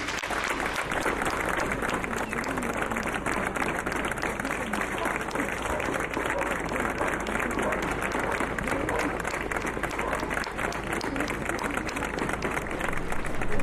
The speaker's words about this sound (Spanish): Propongo enviarle un aplauso a Jaume Espey.